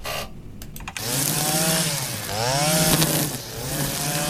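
Lawn mowers, tractors, string trimmers and other machines run together on a Saturday as many believers mow and tidy a Marian shrine of the Trnovac parish before the Feast of the Assumption. A steady, loud engine drone, one motor's whine swooping down and back up in pitch as it revs, after a brief quieter start.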